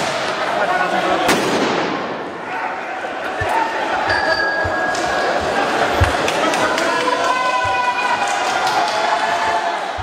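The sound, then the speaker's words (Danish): A chaotic street clash in France between police and protesters: police fire tear gas and use batons while demonstrators shoot fireworks at riot police. Sharp bangs pop repeatedly over a dense, roaring crowd, with shouting voices and whistles cutting through the continuous noise. “Politiet affyrede tåregas og brugte knipler mod demonstranter, der skød fyrværkeri efter urobetjente.”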